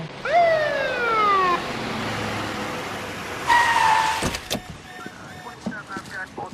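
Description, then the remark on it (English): A loud alarm blares in two short, falling wails, a longer one first and a brief one a few seconds later, followed by clattering noises and a low background hum. “We were cruising and heard the alarms.”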